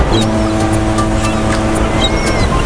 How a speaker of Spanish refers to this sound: Escucha, parece que estamos junto al mar, ¿verdad?